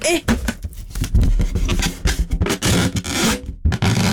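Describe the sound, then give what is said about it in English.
A balloon rubbed against a microphone as an ASMR attempt makes loud, irregular rubbery squeaks and harsh scraping bursts for about four seconds, with voices talking in between. “Can you do that ASMR thing or whatever it is where you rub a balloon against the mic or something?”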